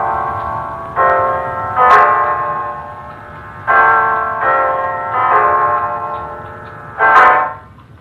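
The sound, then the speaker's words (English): A clock strikes nine o'clock with a series of resonant, bell-like chimes at a slow, steady pace, each ringing out and fading into the next, loud with no voices. “It's 9 o'clock, Mrs. Reeves.”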